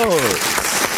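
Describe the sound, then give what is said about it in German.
Steady clapping from a crowd fills the whole second, loud and dense, with a brief voice sounding over it at the start. “ein Applaus für Perle Nummer 1,”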